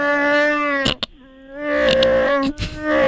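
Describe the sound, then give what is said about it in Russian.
Chewbacca the Wookiee from Star Wars speaking the Shyriiwook language: loud, drawn-out moaning howls with a brief lower, quieter warble in the middle, then rising again, with no talking. “Это язык, называется ширивук. Ширивук? Да, это язык чубаки.”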